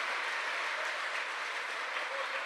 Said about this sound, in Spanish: ¿Cuánto le damos gloria al Señor? ¿Cuánto le damos un aplauso a esa misericordia de Dios para con nosotros?